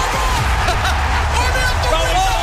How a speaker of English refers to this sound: And listen to the crowd!